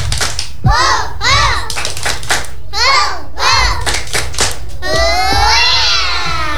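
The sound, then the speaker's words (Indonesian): Young children aged 2 to 4 in a kindergarten class chant a 'tepuk semangat' (spirit clap) together in a bouncy, sing-song rhythm, punctuated by sharp hand claps in a steady beat, lively, ending on a higher drawn-out call. “teman-teman coba … mau ajak teman-teman tepuk semangat dulu. Tepuk semangat.”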